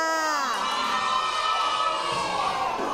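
A group of children cheer and shout together in a loud, sustained burst of excited voices that stays steady for about three seconds, close and lively.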